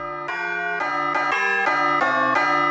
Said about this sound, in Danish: det i øvrigt ikke være mere forfriskende, hvis altså vi gik ud og sagde, nu skal vi altså have en ny ringetone på de der klokker. Måske kunne man have en ny en hver dag, for det ikke skulle være løgn. Altså, det kunne for eksempel være sådan en her.